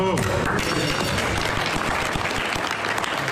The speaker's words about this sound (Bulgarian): Президентът на Съединените щати Доналд Тръмп подписа меморандума за прекратяване на бойните действия с Иран във Версайския дворец пред очите на президента на Франция. Последваха аплодисменти.